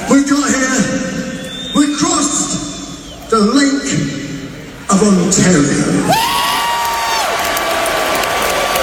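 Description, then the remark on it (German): At a band's concert on the Canadian side of Lake Ontario, the singer shouts over a steady roar of crowd noise in short bursts, saying the band came by crossing Lake Ontario; then a loud, sustained wave of cheering rises and holds as a high whistle-like tone rings through it. “Er sagt, wir sind hierher gekommen, indem wir den Lake Ontario überquert haben und das Publikum feiert's.”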